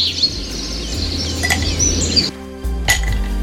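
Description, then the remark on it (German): Ice cubes clink against a glass of cool drink a few times, sharp bright taps spaced apart, with birds chirping in the background over a low steady hum. “Und also an einem heissen Tag einen kühlen Trink in der Hand, mit ein paar Eiswürfeln natürlich.”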